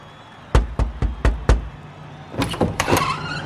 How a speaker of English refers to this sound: Who is knocking on our door on Saturday morning?